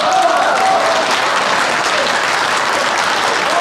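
An audience applauds steadily and loudly, a dense wash of many hands clapping at once that holds at an even level for the whole few seconds, with no one speaking.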